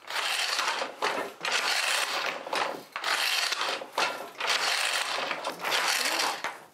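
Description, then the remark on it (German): A hand weaving loom working with a steady, rhythmic mechanical clatter, rattling and clacking in repeated bursts roughly every second and a half, fairly loud, with no one speaking. “Wir freuen uns jeden Morgen, wenn wir uns sehen, der Webstuhl und ich.”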